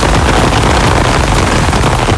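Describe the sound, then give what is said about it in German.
Steady summer rain passing over Franconia (Franken), Germany, pours down in a dense, even hiss, with countless fine droplets crackling and pattering at a constant loud level throughout, no voices present. “Und das ist natürlich nicht der Sound von irgendwelchen Schnitzelchen, die langsam in der Pfanne vor sich hin brutzeln, sondern das ist der Sommerregen, der heute über Franken rüberziehen wird.”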